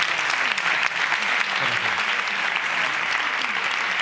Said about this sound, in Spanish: Un aplauso a nuestros nuevos invitados.